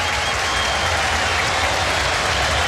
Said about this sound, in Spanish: vienen los cambios en la U. Se va Arangui, se va el capitán. Escuchemos el aplauso. Se va Arangui, entra Marcelo Díaz, a ver.